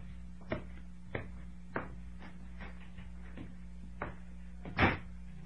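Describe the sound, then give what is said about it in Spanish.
A few soft, evenly spaced knocks or steps, then a door shuts with a louder, fuller thud near the end as Calimán disappears behind it, over a steady low hum. “El delgado inspector Osaki, enfundado en su brillante negra gabardina, ve desaparecer a Calimán detrás de la puerta que es cerrada.”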